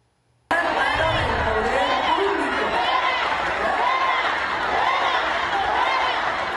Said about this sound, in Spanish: En las imágenes se ve cómo el público le grita fuera a la manifestante con el megáfono,